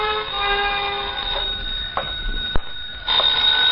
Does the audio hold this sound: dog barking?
no